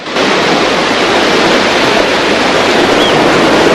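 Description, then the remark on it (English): A steady, loud wash of surf rolls on without pause, a dense hiss of waves breaking along a beach with no voices heard. “Happer ambles along the beach as Mac catches up to him.”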